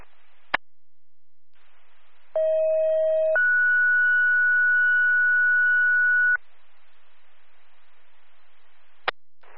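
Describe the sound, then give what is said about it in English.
Emergency dispatch paging tones for Delhi EMS over a radio: a steady low tone for about a second, then a higher sustained tone for roughly three seconds, framed by sharp squelch clicks and faint static hiss. “Tones, need your response.”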